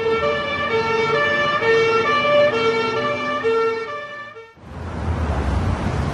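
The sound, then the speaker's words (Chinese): A loud ambulance siren wails with a rising and falling pitch for about four seconds, then cuts off abruptly into a steady wash of street or crowd noise. “快叫救护车，快！”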